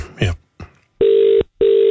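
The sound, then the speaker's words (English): Two long, steady ringback tones sound over a phone line as an outgoing call goes unanswered, each lasting about half a second with a short gap between, after a brief burst of speech-like noise at the start. “Maybe they're just ignoring you because you're the one phoning them.”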